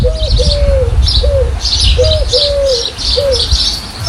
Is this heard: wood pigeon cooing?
yes